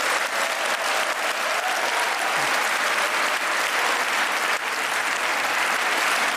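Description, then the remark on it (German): Sustained audience applause for the presenters of the classical music radio programme Klassikforum: a dense wash of many hands clapping at a steady, fairly loud level throughout, with no voices standing out. “Ich glaube, dieser Applaus ist für euch.”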